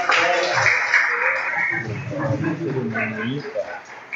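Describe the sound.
A crowd applauds steadily for several seconds, a dense wash of clapping at moderate volume, with voices talking and calling out over it throughout. The applause is for a mother at a baptism in the baptismal tank of a Seventh-day Adventist church.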